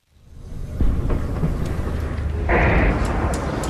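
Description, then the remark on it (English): Distant explosions heard from the hospital in Nabatieh, southern Lebanon, boom and rumble low, a heavy blast near the start followed by another about two seconds later, their long thunder-like rolls blending together with no speech. “We've just arrived at the hospital here in Nabatieh, and we've just heard two loud explosions in the distance. A third one.”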